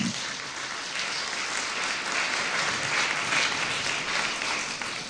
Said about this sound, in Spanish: ¿Cuántos dicen gloria a Dios? Den un aplauso, por favor, al Señor.